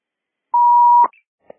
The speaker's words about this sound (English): The enunciator panel at the front of the store showing the water flow alarm. We're not able to silence it from here, so we're making our way to the back of the building to find the main panel.